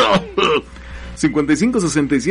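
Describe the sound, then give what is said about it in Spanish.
Two quick, rough throat-clearing coughs from a radio host on Romántica 1380, followed by a short pause and then a person speaking. “no es muy, muy grande mi quejumbre de tos, pero bueno, tomo aire y...”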